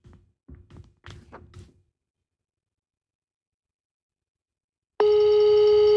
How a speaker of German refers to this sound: Es läutet zumindest. Es läutet, ich hoffe, er hebt ab.